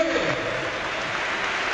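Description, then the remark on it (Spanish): A football crowd at the Ciutat de Valencia stadium applauds Levante captain Brugui as he is substituted off for Paco Cortés, a steady, dense wash of clapping that holds at an even level for the whole short stretch, with a faint murmur of voices blended underneath. “Aplausos para Brugui.”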